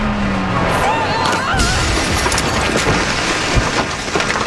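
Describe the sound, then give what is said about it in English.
A loud crash into a house, smashing its kitchen, with a continuous roar of smashing and crunching debris, punctuated by a few sharp impacts as things break and clatter over several seconds. “You smashed into Benedito's house! Look at his kitchen!”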